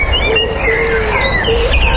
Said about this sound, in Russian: А это парк.